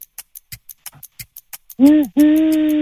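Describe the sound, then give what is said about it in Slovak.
A voice imitates an owl with two drawn-out, fairly loud hoots, coming right after a quick run of sharp, evenly spaced clicks. “Ale dobre, to je tak ťažšie, ako robí sova.”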